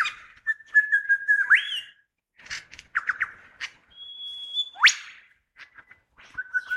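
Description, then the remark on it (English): A lyrebird mimics the harsh squawking call of a wattlebird, a big bird the size of a jay, with a few rough bursts mixed in among clear sustained whistles and sharp rising sweeps, fairly loud with no voices. “And that sort of squawk sound, that's a wattle bird's call.”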